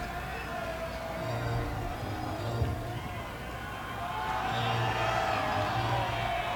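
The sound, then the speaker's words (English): A large baseball crowd fills the air with a steady roar that swells into louder cheering partway through, the broad wash of many voices holding at a moderate level. “Some cheers erupting from this Hooks crowd.”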